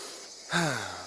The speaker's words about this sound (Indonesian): Adik-adik, suara apa ya yang barusan kita dengar? Suara monyet, Kak. Masya Allah, tapi di mana ya monyetnya?